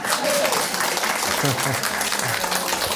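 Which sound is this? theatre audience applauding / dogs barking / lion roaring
theatre audience applauding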